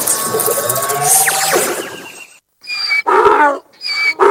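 A donkey brays loudly: a long, rasping, wheezy call, a brief pause, then two shorter harsh hee-haw bursts, with no voices.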